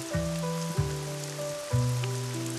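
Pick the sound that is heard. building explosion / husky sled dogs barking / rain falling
rain falling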